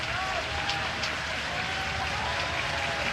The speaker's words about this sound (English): Hear the crowd here getting behind Yasa early in the top of the first, just underway here at Charles Schwab.